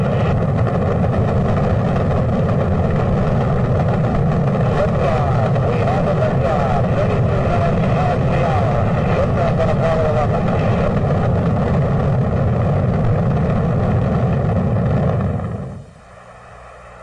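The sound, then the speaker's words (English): A loud, continuous rocket-engine roar at liftoff with all engines running, dense and rumbling, holds steady for about fifteen seconds before cutting away sharply to quiet. “2-1-0, all engines running.”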